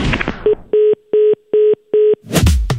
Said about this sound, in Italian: Ecco, purtroppo è caduta la linea